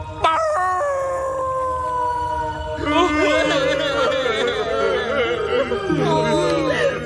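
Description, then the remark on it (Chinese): A loud, drawn-out wailing cry with a wavering pitch, sustained throughout and swelling into a fuller, more anguished howl about halfway through. “别哭，兄弟，船长一定希望我们坚强。”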